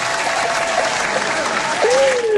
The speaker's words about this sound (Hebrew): מגיע לכם כפיים